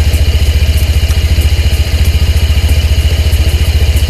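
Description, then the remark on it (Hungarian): A Honda PCX 125 scooter engine, just restarted, idles steadily and quietly, a soft, even low-pitched putter with a light mechanical clatter on top and no one speaking. “Ami nekem baromira tetszik, és akkor megint beindítom, hogy ennyi, tehát a fordulat tényleg annyira halkan jár, olyan szépen jár”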